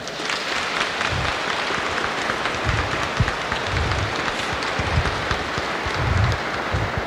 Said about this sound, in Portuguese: Vamos dar uma salva de palmas então para a criançada?